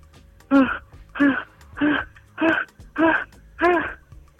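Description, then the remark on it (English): A person acting out fear in a game performs fast, frightened breathing: six quick voiced gasps in a steady rhythm, fairly loud, each a short whimpering pant with no words. “That was good. The fast-paced breathing.”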